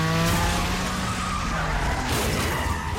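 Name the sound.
car chase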